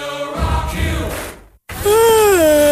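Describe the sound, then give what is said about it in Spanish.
A person yawns loudly, a drawn-out, moaning exhale whose pitch wavers and slides, following an earlier breathy, groaning stretch and a brief pause. “Ay, ¿tanto bostezo tú?”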